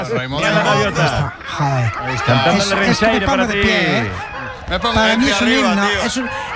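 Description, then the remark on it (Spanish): Loud seagull calls fill the scene, a steady stream of overlapping squawks and wailing, laugh-like cries rising and falling in pitch, as if several gulls are calling at once. “Escuchar las gaviotas es un himno para mí.”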